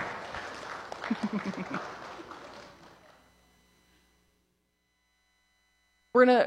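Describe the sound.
A church audience claps for about three seconds for two people who recited a statement of belief on the Holy Trinity during the service. It is a dense patter of many hands that gradually fades into silence before a voice starts speaking.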